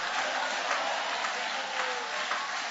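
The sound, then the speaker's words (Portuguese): An audience applauds steadily, a dense, continuous wash of clapping that holds at an even, fairly loud level throughout, with faint voices mixed into the noise. “Vai aplaudindo, porque já está caindo, já está caindo, já está caindo.”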